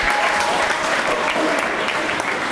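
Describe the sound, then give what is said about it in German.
An audience applauds student performers on stage, a dense wash of many hands clapping at an even loudness throughout, with no pauses or swells. “Dieser ganze Stress, Verzweiflung, alles, weil man dann auf dieser Bühne steht, den Applaus hört.”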